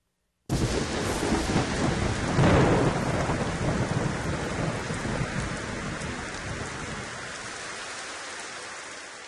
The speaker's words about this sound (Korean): 네. 소나기입니다. 소나기. 갑자기 마른 하늘에 갑자기 날벼락처럼 이 천둥번개 소리와 함께 훅 쏟아지는 소나기. 소나기의 사전적인 그 의미를 보면 양은 상관이 없고요. 갑작스럽게 쏟아지는 비를 갑작스럽게 쏟아졌다가 금방 그치는 비. 이게 이제 소나기인 겁니다.